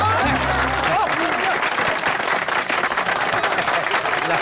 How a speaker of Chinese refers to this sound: 来，我们掌声欢迎这对新人，跟大伙说两句。